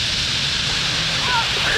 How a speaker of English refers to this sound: Before long is the dramatic whistle and rush, the stage of the nightly roost when birds dive into the trees, and you can hear thousands of wings cutting through the air just above your head.